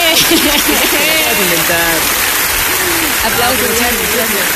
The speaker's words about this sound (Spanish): Aplausos.